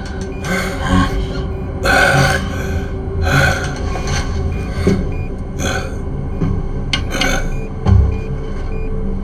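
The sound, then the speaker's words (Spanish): Ragged, raspy gasping for breath, repeated in uneven bursts about once a second, fairly loud with strained, rough inhalations and no speech, as a person struggles to breathe in a diving bell whose breathing system has failed. “Incrementando niveles de oxígeno, estabilizando, respira. Es algo tarde. Respira.”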